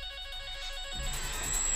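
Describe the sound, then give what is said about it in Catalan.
A telephone rings with a steady electronic ringtone during a test call to check that the phones work, its bright repeating tones filling the short moment on their own, growing slightly fuller and louder toward the end. No one speaks. “No, per provar si van els telèfons.”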